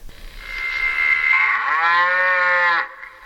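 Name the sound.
cow mooing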